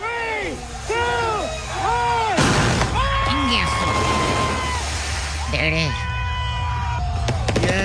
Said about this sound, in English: Are those cohetes or some gunshots? Who knows? At a Tekashi party, you never know. They were cohetes. They were like, well, there was a whole show. You know, obviously, they had like the cannons blowing out the color.